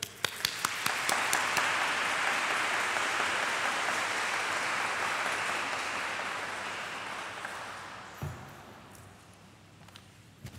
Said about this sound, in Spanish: Y hoy todos somos panameños, así que vamos a darle un aplauso grande a la Virgen.